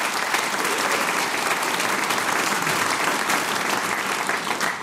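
Sustained applause from an audience fills the whole stretch, a dense, steady wash of clapping hands at constant loudness, with no speech over it. The applause welcomes a member of a music group as she stands up.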